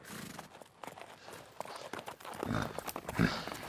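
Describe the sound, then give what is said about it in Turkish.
Donkey hooves clop unevenly over rocky ground, a steady run of sharp knocks with a few heavier, louder steps near the end. “Hadi eşekleri çözelim. Sen onları bir arada tut, hadi.”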